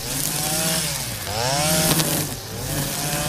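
Lawn mowers, a tractor mower and string trimmers run together on a Saturday at the Gospa Dragotinska shrine as people mow and tidy the grounds for pilgrims, their small engines droning in a buzzing, harmonic whine that revs up and down in pitch, loud and steady with no voices.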